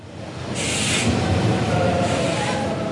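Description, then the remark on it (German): An ICE high-speed train from Leipzig rolls slowly onto track 6 at Berlin Hauptbahnhof at 18:03 on 26 May, opening the station, a steady rumble with bursts of hissing air and faint squealing brakes, continuous throughout. “Mit einem ICE aus Leipzig, der am 26. Mai um 18.03 Uhr langsam auf Gleis 6 einfährt, ist er eröffnet, der Berliner Hauptbahnhof.”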